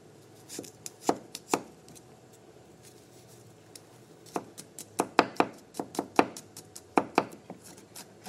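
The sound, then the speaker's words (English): A knife chops garlic for a tahini sauce on a cutting board in sharp, irregular taps, a few quick strokes, a pause, then a busier run of clustered chops before trailing off. “We're going to just chop it up, and we're going to saute this.”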